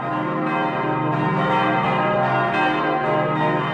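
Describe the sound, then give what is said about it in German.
A peal of church bells rings continuously, some cast in 1951 by the Paccard foundry in France, along with a historic 15th-century bell. Overlapping strikes blend into a dense, sustained metallic wash, with new strokes landing roughly every half second to second. Loud, no voices. “Und unser Geläut eben zeichnet sich daraus aus, eben weil es einfach auch sehr singfreudig auch ist.”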